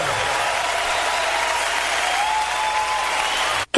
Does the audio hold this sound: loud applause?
yes